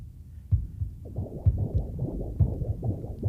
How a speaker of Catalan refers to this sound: Però abans de les cançons de bressol, abans fins i tot de néixer, un ritme ens acompanya. És el batec del propi cor i el de la mare, a dins, junts, fixa't com sonen.